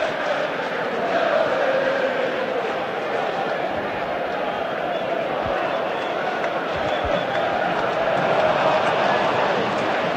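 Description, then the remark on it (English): Dense, steady roar of a big cricket crowd at Lord's at the end of the first innings of Trent Rockets versus Sunrisers Leeds, a continuous wash of overlapping voices and chatter that stays loud throughout, with a couple of faint low thumps partway through. “You'll have to forgive me, it's so loud here that I miss the name at Lords.”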